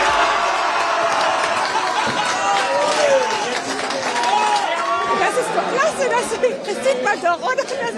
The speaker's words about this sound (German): Und in der Innenstadt von Freiburg waren die Kneipen natürlich voll mit Fans, die das Spiel gemeinsam geschaut haben. Und nach dem Abpfiff war der Jubel riesengroß.